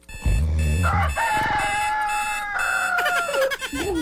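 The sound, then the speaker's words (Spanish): A rooster crows loudly, one long drawn-out cock-a-doodle-doo with a wavering, rising and falling call that fills the whole moment, preceded by a brief low rumble. “Kikiriki, cantó el gallo.”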